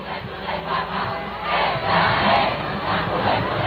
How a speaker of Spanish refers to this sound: León XIV se dejó llevar por el cariño de la multitud. Entre aplausos, cánticos y un mar de banderas de España, el pontífice rompió el ritmo previsto de la jornada para acercarse a los fieles y saludar uno a uno a quienes llevaban horas esperándole.